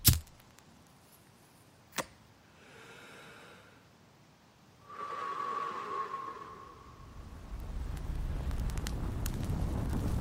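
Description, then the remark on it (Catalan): A sharp crack and a brief whoosh give way to a rising, steady roar of fire that grows louder and fuller, with a thin whistling tone partway through. No voices. “Foc és foc.”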